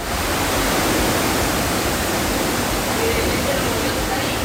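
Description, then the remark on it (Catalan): A dense, steady roar of heavy torrential rain in the Valencia region, where parts of Torrent got 71 litres in half an hour, pours down without letup, a loud hiss spread across the whole range with no pauses or distinct drops standing out. “D'esta forma sonava la pluja i encara ens quedaven per descobrir la quantitat de trons i llamps que caien sobre els nostres caps”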